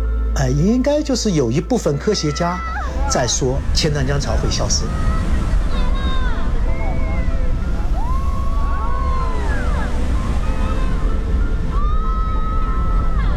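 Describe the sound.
The Qiantang River tidal bore in China roars as a loud, continuous low rumble throughout, with crowd voices, chatter and shrill whistle-like tones rising over the churning water of the 2.5-kilometre-wide river.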